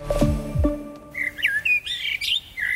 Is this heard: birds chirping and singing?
yes